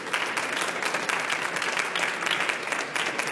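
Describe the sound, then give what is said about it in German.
Steady audience applause welcoming a guest, a dense wash of many hands clapping at an even, moderate loudness throughout, with no voices rising above it. “Applaus.”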